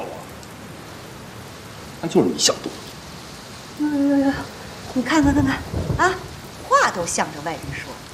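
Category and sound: nature, heavy rain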